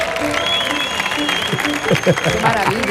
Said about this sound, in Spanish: Fuerte el aplauso para Mark Lenders, por favor.